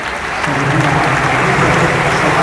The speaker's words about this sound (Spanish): Los aplausos en el Palacio son para él, para darle ánimos al americano.